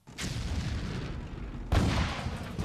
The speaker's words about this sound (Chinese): 没有人注意外面传来的炮声的远近。